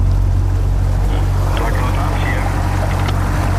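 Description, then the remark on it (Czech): A water rescue service motorboat on a preventive patrol in Brno drones steadily and loudly, its low rumble mixed with rushing water, while muffled voices can be faintly heard beneath it. “jsme právě na člunu na preventivní objížďce Brněnské”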